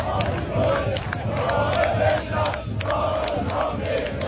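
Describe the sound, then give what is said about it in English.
A large crowd of Australian football fans chants in unison, a loud, rhythmic sing-song of many voices rising and falling in repeated phrases, with sharp claps or shouts cutting through. “Have you heard the chant that the Aussies will play it again?”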